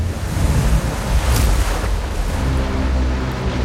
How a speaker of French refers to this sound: La grosse marée de tempête que l'Amérique n'ait jamais connue s'abat sur les digues qui entourent la Nouvelle-Orléans et les détruisent.